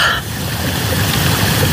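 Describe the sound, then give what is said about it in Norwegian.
Spring water coming up out of the ground trickles steadily between stones, a continuous babbling wash with no pauses and no voices over it. “Og så plutselig så bare kommer det ut og pipler fram mellom steiner.”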